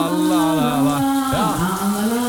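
Running shower water hisses steadily in a shower cabin, while a woman sings loudly over it with long, wavering notes.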